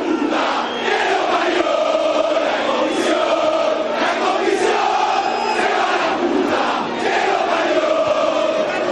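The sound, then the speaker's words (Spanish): A dense mass of Huracán football fans in the Popular and Platea stands shouting and chanting after a 1-1 draw with Estudiantes de Río Cuarto, a loud, continuous roar of many voices with rising and falling cries for the whole stretch. “Así se expresa la gente de Huracán.”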